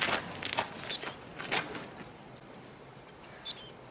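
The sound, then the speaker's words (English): A man's footsteps crunch as he gets out of a car and walks away, fading and stopping after a couple of seconds. Birds chirp briefly in the background. “He punches the air as he walks away.”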